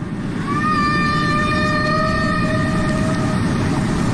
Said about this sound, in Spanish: Estos son sonidos originales. Unas melodías fantásticas, maravillosas. Hoy veíamos que las ballenas jorobadas cantan melodías complejas que duran incluso 10, 20 minutos.